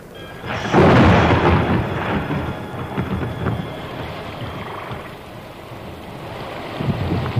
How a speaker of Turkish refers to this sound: Aman ya Rabbi, yağmur başladı. Çöle yağmur yağıyor.